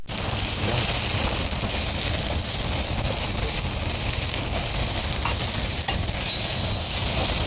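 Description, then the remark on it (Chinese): Loud, steady sizzling of food going into a hot pan to fry, a continuous crackling hiss with occasional sharper pops, with no talking throughout. “可以的，可以的，看着挺有食欲， 这可以上锅了。”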